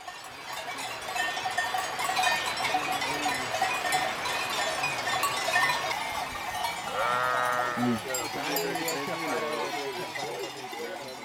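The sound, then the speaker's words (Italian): A flock of sheep in Tyrol, kept by shepherds in cold, wet weather, bleating with overlapping cries while many small bells clink and jangle continuously, a busy, steady outdoor din with a few louder bleats standing out. “Una baita servirà da rifugio per tutta l'estate per i pastori che rimarranno con le pecore.”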